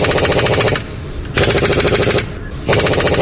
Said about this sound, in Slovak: Inak je to pneumatické utiahovanie matic na kolesách.